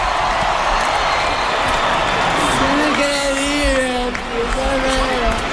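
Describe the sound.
A large crowd applauds and cheers in a steady, dense roar throughout, with sustained whoops and shouted voices rising above the noise in the second half.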